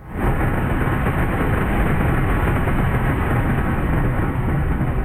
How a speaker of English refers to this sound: In southwestern France, a military plane drops fire retardant over a wildfire in Lacanau Forest.